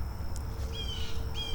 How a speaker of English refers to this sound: And now there are some angry birds. What are the birds angry at? Well, there's only one thing that makes birds this angry, and that's a predator.